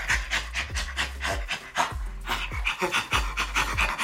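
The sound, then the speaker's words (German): A great ape laughing in a steady run of breathy, rhythmic pants, each huffing burst loud and rasping, repeating several times a second with no talking. “Das zweite war ein Menschenaffe, der lacht.”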